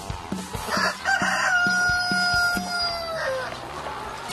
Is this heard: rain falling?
no